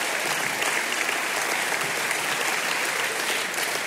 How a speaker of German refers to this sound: Sie können ruhig klatschen, wenn Sie möchten. Ich freue mich, wir freuen uns über das Geräusch.